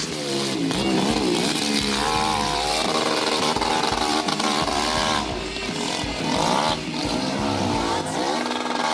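A hill-climb motorcycle, its tank holding about 1 litre of petrol for a climb of about 15 seconds, revs hard and continuously, its loud buzzing pitch rising and falling in sweeping waves as the rider works the throttle, with no pauses across the whole stretch.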